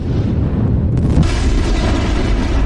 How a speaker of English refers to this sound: An asteroid came rocking out of the sky and crashed into Earth.